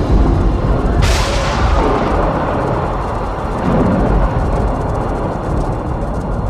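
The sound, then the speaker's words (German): A sharp crack of thunder bursts in about a second in, then a loud, deep rumble rolls on steadily underneath, dense, with no voices, during a storm as lightning flashes overhead in leaden clouds. “Über ihnen zuckten Blitze im bleiernen Wolkenmeer.”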